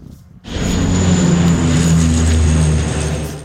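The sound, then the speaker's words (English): A low-flying water-dumping firefighting propeller plane, used against wildfires in the areas surrounding Paris, France, roars in abruptly and stays loud, a steady droning engine with a deep rumbling hum and a thin high whine, overhead with no voices. “Water dumping planes are being used for the first time ever in the areas surrounding Paris.”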